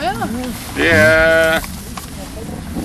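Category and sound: animal, sheep bleating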